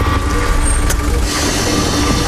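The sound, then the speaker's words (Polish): A bus engine rumbles low and steady, then a brief click is followed by a loud, sustained hiss of air brakes venting. No one speaks. “Wyobraźcie sobie taką sytuację i posłuchajcie. Co jest? Autobus.”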